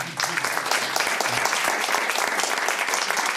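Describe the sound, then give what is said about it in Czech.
Sustained applause from a sizable audience greeting an actor, a dense steady patter of many hands clapping at a fairly loud, even level throughout, with no talking over it. “Pozdravíme pana Lukeše a zatleskáme mu.”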